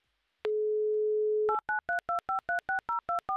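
A steady telephone dial tone hums for about a second, then a rapid run of about ten short, evenly spaced keypad beeps follows as a number is dialed to place a call to the town of Buzuluk. No voices.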